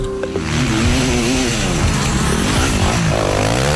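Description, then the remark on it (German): Several motocross motorcycle engines rev loudly and continuously, their pitches rising and falling and overlapping in a harsh, buzzing roar that stays intense throughout. “Eigentlich hat es nächstes Wochenende so sollen tönen.”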